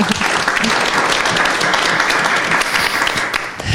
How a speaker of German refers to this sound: Vielen herzlichen Dank. Schön, dass du da bist. Ein Applaus.